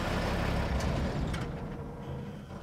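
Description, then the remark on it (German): A heavy truck engine rumbles steadily as the vehicle drives over soft, muddy, loose ground, with a deep low drone and a couple of brief hissing bursts partway through. The truck is converted so its left and right drive wheels turn together at full power. No voices. “Der LKW wird umgerüstet, damit die Antriebsräder rechts und links gleichzeitig mit voller Kraft drehen.”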